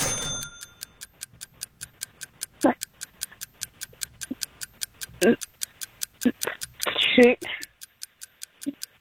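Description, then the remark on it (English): A steady, evenly paced, loud ticking countdown clock, clicking about twice a second throughout, while voices speak briefly in bursts over it; the clock is started for a timed quiz in which a contestant answers trivia questions. “I'll start the clock.”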